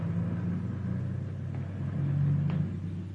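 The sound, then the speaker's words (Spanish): A red, mud-covered car's engine rumbles steadily, a low continuous drone that shifts slightly in pitch as the car slows and parks at the side of the road, with no voices present. “El carro se estaciona a un lado de la ruta.”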